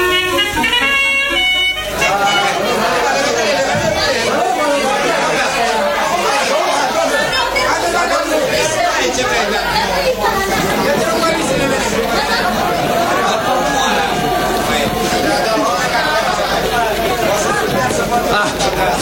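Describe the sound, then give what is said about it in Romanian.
Busy railway station platform ambience: a steady wash of overlapping crowd chatter with occasional horn-like toots and mechanical rumble, loud and continuous throughout. “Dar să vedem ce se întâmplă pe peron. Trenul pleacă peste 1 minut.”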